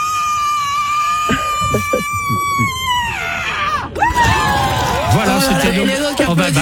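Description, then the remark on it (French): A woman, the winner of a screaming contest in San Francisco, lets out a very loud, piercing scream measured at 121 decibels, as loud as a jackhammer, held on one high pitch before sliding downward, then a brief break and a second wavering, falling scream over crowd noise. “La gagnante, je vais vous faire écouter, ne bougez pas, a hurlé à 121 décibels, soit autant qu'un marteau-piqueur.”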